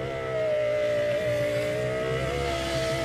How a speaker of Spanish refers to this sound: Y yo te ayudé porque yo dije algo del carro, me sonaba algo del carro. Pero si sonaba tan fácil. Sí, la ventana. Tan fácil. Está atoradita.